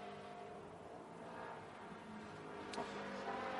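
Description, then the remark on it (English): The engine of Ryan Pursing's white race car, carrying speed through a right-left-right chicane, roars steadily, a dense droning hum with layered whining tones that barely change in pitch. A brief sharp burst cuts through near the end, and nobody speaks. “And again, the white car takes a huge amount of speed through the first two elements of that right, left, right chicane, jumping across the first curb.”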